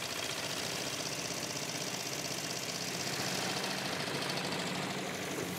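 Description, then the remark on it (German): The engine of an old, rusty pram ferry carrying Highland cattle runs steadily in wind and a strong current, with a dense, rattling, knocking drone, constant and loud throughout, with no voices; the island farmer is keeping the boat on course. “Schon gar nicht auf solch einer alten Pramfähre bei Wind und starker Strömung.”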